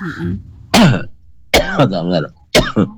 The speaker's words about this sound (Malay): udah kuatnya batuk pilak, aduh.